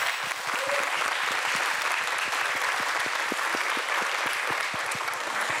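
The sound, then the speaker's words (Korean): An audience at a contest applauds steadily for several seconds, a dense wash of many hands clapping at an even, fairly loud level with individual claps popping out, and no talking over it. “열 박수 한번 보내주시기 바랍니다.”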